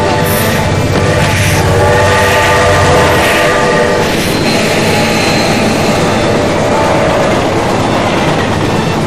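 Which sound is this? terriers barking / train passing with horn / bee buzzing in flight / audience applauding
train passing with horn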